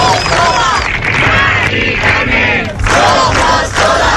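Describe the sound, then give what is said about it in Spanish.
A large protest crowd marching through the streets of Madrid, demanding effective action on the housing crisis, chants slogans in unison, many voices shouting loudly and continuously, with the rhythmic phrases rising and briefly dipping between repetitions. “Han acampado allí después de la manifestación que ha recorrido las calles de la capital.”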